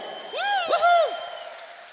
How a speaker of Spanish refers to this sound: Si es así, regálale el aplauso más fuerte.